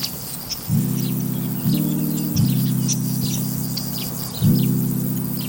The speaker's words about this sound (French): Là, on entend des qui ? On entend les grillons et les criquets. Et puis, après, d'autres insectes dont je ne connais pas le nom. Mais c'est vrai qu'il y a un son constant comme ça, un vrombissement permanent.